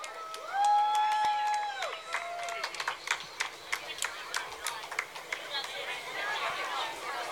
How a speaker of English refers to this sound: Please give a warm round of applause to our parade marshal, Kid Governor